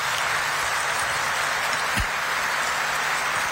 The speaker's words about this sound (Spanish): Que disfruten de su estadía en la capital espiritual de la República del Paraguay. Para ellos un fuerte aplauso, por favor.